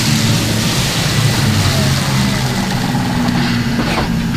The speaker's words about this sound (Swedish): Som dragbilen som här kommer in för laddning går hela den aktiva fordonsflottan nu på el.